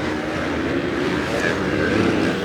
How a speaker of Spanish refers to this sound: Híjole, la adrenalina al escuchar el rugir de los motores, ver 18 expertos en la pista, es histórico una vez más.